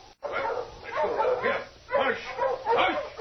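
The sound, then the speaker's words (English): Several hungry dogs bark and yelp in repeated bursts, with high whimpering whines mixed between the barks, fairly loud and continuous for a few seconds. “I got to get these furs unpacked and feed the dogs. They're hungry.”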